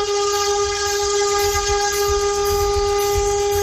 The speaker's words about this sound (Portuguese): Sobrou ninguém na frente dele depois dessa buzinada aí, pelo amor de Deus, o povo assustou tudo na rodovia.